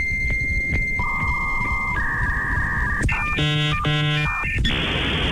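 A dial-up modem on a telephone line connecting to the internet: steady dial tones, then warbling two-tone chirps and stacked harmonic beeps, ending in a loud rushing hiss of static, all over constant noise with no talking.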